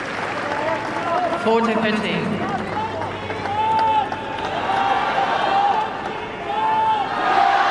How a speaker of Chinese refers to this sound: 我们也听到了在菲利普夏迪埃球场观众们给郑钦文的加油声。